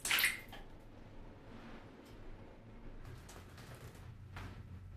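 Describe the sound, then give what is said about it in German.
Water sloshes and splashes in a bathtub, with a sharp splash at the start followed by quieter, intermittent movement of water over a low background rumble. “Dein Wasser wird kalt.”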